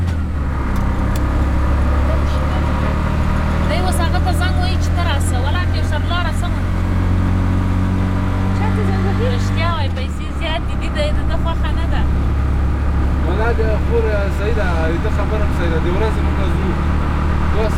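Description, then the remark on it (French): An auto rickshaw engine drones steadily while driving, carrying passengers squeezed together in the cabin with balloons; a loud low rumble with a brief shift in tone midway, as voices, including a passenger talking with the driver, sound intermittently over the motor noise. “On n'arrive pas à les faire entrer dans le rickshaw et on roule comme ça, serrés les unes contre les autres dans l'habitacle.”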